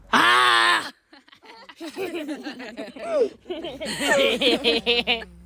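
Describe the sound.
An 11-year-old child about to play tennis at a tennis event in Rättvik lets out one loud, high-pitched excited scream lasting about a second, then an adult starts talking steadily right after.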